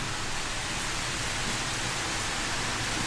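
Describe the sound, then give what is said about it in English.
Steady rain falls on a rainy day in a continuous, even hiss with no breaks or distinct drops standing out, moderately loud, with no voices present. “a rainy day, how sexy.”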